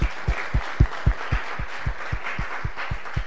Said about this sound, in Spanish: Fuerte los aplausos para ustedes.